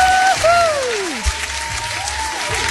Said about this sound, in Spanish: Ya sé, mucho aplauso y toda la cosa, ¿no?